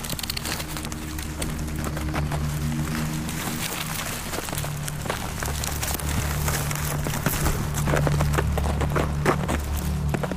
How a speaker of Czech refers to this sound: Přestalo sněžit. Konečně. Snažím se proházet si cestu závějemi k vodě. Zmrzlé rašeliniště při každém kroku křupe.